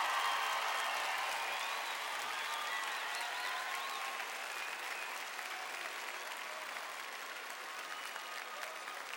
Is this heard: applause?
yes